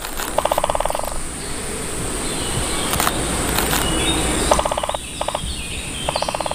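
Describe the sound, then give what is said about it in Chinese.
A great spotted woodpecker chisels a deep hole in a tall pine trunk in a pine forest of the volcanic Canary Islands, pecking in several quick bursts of sharp, evenly spaced taps separated by pauses, over a steady rushing background hiss and a faint high whine. “借助强大而锋利的鸟喙，大斑啄木鸟可以在树干上熟练地凿出深深的树洞。”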